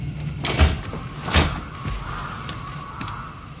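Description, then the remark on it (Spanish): A door is pushed shut: two solid thumps about a second apart, the second sharper as it latches, followed by quiet with a faint hum. “Quédate aquí, no estarás a salvo allá afuera. Cierra la puerta.”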